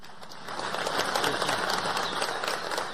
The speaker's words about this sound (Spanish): Un aplauso para usted.